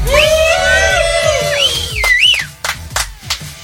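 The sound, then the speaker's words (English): Loud, overlapping shouts from several people at a campsite at Clear Creek at Eagles Landing during a camp-out, voices rising and falling in long drawn-out cries, followed by a few shorter bursts and sharp knocks toward the end. “Yeah, we're talking about silence, even though we're also yelling.”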